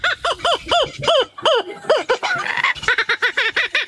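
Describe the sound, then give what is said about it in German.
A real laughing kookaburra (laughing jackass) calls loudly, a rapid run of rising-and-falling hooting notes that builds into a raucous, cackling chatter before settling back into rhythmic hoots. “Den lachenden Hans hat er nachgemacht. Der klingt im Original so übrigens.”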